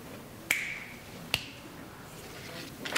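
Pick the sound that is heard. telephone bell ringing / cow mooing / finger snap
finger snap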